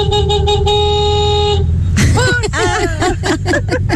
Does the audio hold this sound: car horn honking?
yes